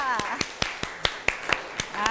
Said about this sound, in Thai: ขอเสียงปรบมือให้เพื่อนด้วยค่ะ